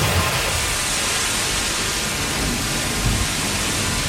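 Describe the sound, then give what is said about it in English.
Water gushes and sprays in a loud, steady, hissing roar from a burst water main under heavy pressure that had been patched with three layers of duct tape, continuous for the whole stretch, with no voices. “Hey, this water main is under a ton of pressure. Did you ever fix it? Yeah, 3 layers of duct tape.”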